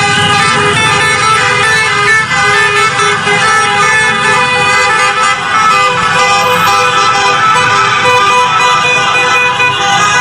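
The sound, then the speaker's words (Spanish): Many car horns honk continuously and overlapping, loud, over a steady rumble of traffic engines, as caravans of cars fill the streets of Melilla with flags out after a match. “Bueno, pues además también después las calles de Melilla eran ocupadas por caravanas de coches pitando, sacando la bandera y con bocinas.”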